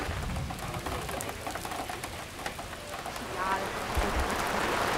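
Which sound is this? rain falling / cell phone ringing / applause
rain falling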